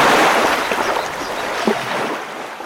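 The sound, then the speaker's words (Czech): A loud, steady rush of water surges, a continuous churning roar that eases only slightly toward the end, as a small dam gives way and the water flows down a stream as one huge wave. No voices are heard. “Hrázka se převalila celá a všechna ta vodní síla letí dolů potokem jako jedna jediná velikánská vlna plná vody.”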